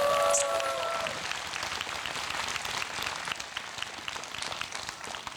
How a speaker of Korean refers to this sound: 다시 한번 박수 주십시오. 감사합니다.